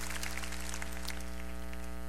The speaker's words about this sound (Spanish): Yo creo que esto merece un fuerte aplauso al Señor, que nos ha perdonado todos nuestros pecados.